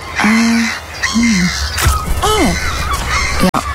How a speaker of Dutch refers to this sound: Meeuw.